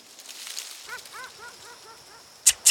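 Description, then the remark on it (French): A dog gives a quick run of high, whiny yips, then lets out two sharp, loud barks. No one speaks. “Chien, chat.”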